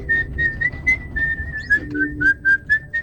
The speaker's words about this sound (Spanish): Sí, digamos, vos escuchás este silbido y es que...